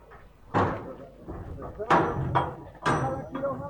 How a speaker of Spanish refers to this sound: Está abriendo. Ah, están golpeando ahí. A martillazo abrieron. Ahí abren.